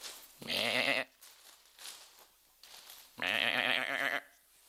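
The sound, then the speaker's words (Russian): A person imitates a young goat kid, letting out two loud, quavering bleats, each about a second long, separated by a quiet pause of a couple of seconds. “Козленка у меня нет. Я попытаюсь подражать ему.”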